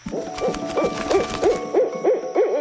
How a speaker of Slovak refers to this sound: Pootvorila jedno oko, jemne sa našuchorila a poobzerala sa okolo seba. Jej večerné potulky sa môžu začať. Sova rozprestrela krídla a s tichým zahúkaním odletela do tmy.